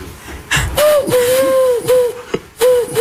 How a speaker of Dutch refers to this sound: Dat is toch een duif, hè, of niet? Een duif? Ja. Een duif.